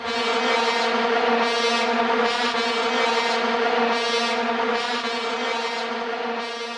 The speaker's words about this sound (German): Vuvuzelas, so richtig populär wurden sie bei der WM 2010 in Südafrika.